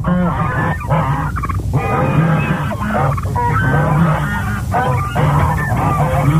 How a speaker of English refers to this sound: WCDB Albany, geese and ducks.